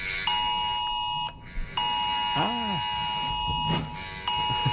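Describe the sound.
A loud, harsh mobile phone emergency warning tone, sent to Australian mobile phones in a test of the new Oz Alerts system, blares in long continuous blasts separated by brief pauses, with faint voice-like sounds briefly audible beneath it.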